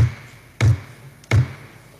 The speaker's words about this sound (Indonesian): RRI Gorontalo, dimanapun Anda berada, baru saja kita dengarkan ketukan palu ketiga yang menandakan rapat paripurna ke-103 dalam rangka pembicaraan tingkat 2 terhadap pembahasan rancangan peraturan daerah nomor 1 tahun 2024